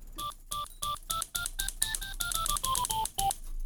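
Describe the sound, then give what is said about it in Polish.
A quick run of about sixteen clacky keystrokes, each carrying a short synthetic beep whose pitch climbs and then falls: a synthesizer's antique typewriter preset sound, played by pressing a key. No voices. “Maszyna do pisania połączona z jakimś syntezatorem i czymś jeszcze.”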